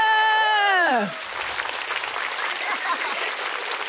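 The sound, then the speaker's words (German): A loud descending whoop gives way to dense, steady audience applause at the Smash Comedy Show, many hands clapping continuously at a fairly even level for several seconds. “Kann man ruhig mal klatschen an der Stelle.”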